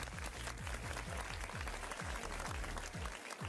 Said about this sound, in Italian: E così è volata la prima ora. Facciamo un applauso a ….